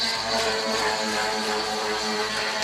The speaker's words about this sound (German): Ja, klingt eher wie eine Säge, oder? Ja, so eine Kreissäge, ja, oder irgend sowas. Ist aber ein Jetski. Ja, nicht am Mittelmeer unterwegs ein Jetski, sondern auf dem Eisteich in Riedlingsdorf,